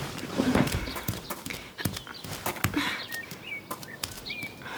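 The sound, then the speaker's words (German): Steady footsteps with a hard, clopping, hoof-like quality plod across a yard early in the morning as someone sneaks around, while a few birds chirp faintly in the background. No one speaks. “Das sind Schritte im Hof.”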